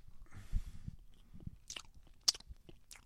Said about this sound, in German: Schmatz nicht so. Ist ungehörig.